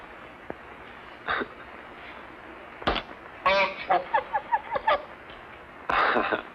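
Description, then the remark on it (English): A bird honks in a quick run of short, nasal calls, then lets out another loud honk a moment later, with a sharp knock or two and no talking. “You better be quiet. Someone will come along and steal you.”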